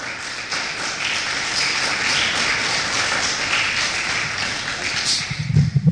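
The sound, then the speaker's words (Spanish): An audience at a church service applauds the Lord steadily, a dense, even wash of many hands clapping for about six seconds, with a few low thumps near the end as the clapping fades. “Un aplauso, por favor, a nuestro Señor.”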